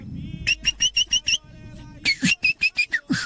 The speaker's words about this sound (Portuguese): Que é isso? Sabiá? Eu acredito que sim, né? Que isso aí?